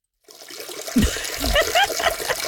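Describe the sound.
Water left running flows steadily, a full, rushing gush like a tap or flush, fairly loud for a couple of seconds, with faint voice-like sounds mixed into the stream.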